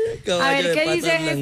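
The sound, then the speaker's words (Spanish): A person imitates a horse's neigh: one loud, sustained voiced whinny with a quavering, wobbling pitch that trills and shakes for over a second before trailing off. “Relincho del caballo.”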